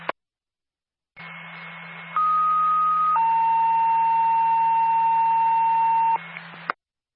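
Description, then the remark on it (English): A brief click, then a buzzing radio hiss carries an emergency dispatch alert for ambulance personnel to a generator fire with propane at Riverwalk Resort, Lincoln: a short higher pitch stepping down to a long, sustained lower tone lasting several seconds before cutting off with a click. “Stand by for tone.”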